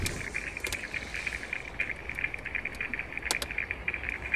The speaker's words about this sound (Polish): To było bardzo zaskakujące, bo z deszczu nagle wjeżdżasz w taką trochę ciszę, coś się zmienia, nie wiesz co, i słyszysz ten żywy las dookoła ciebie.